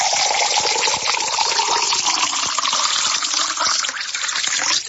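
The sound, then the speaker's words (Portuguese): Pure drinking water is poured steadily into a glass, a loud, continuous gushing stream lasting several seconds, with the splashy pour changing pitch slightly as the glass fills. No one speaks. “Água pura, coisa fina. Vamos mais um copo.”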